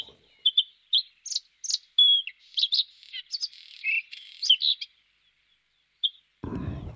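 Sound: bird song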